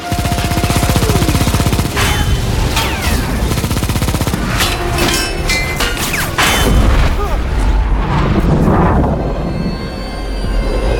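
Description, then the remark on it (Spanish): Gunfire aimed at the Japanese fleet: loud, sustained bursts of rapid machine-gun fire mixed with sharp gunshots and heavy booms, a dense battle din with crashes and rumbling throughout, and some shouted voices faintly under it. “¡Acaba de dispararles!”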